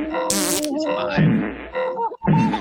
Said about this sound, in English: Do you want to hear a fart?